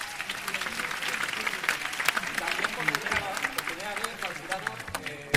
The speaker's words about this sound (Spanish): Thank you very much for being with us in these days. Thank you. Un aplaudimiento al jurado.